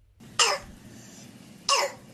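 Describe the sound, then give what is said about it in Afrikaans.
Two harsh, barking croup coughs, loud, separated by about a second of quiet, with no talking. “En so klink 'n kroep hoes.”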